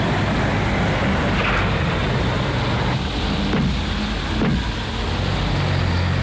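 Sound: car engine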